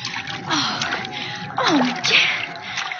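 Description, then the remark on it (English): Water splashes and sloshes underfoot in a steady, fairly loud wash of noise, with a few heavier splatters as someone wades across a flooded floor. “There's water all over the floor.”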